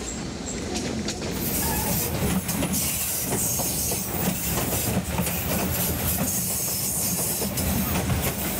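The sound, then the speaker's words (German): A train in Myanmar rolls steadily along the rails, a dense rumbling roar with repeated clattering beats from the wheels, loud throughout. “Immer mehr Menschen besitzen inzwischen Autos, aber mit der Bahn ist man auch heute noch schneller auf der anderen Seite des Tals als mit dem Auto.”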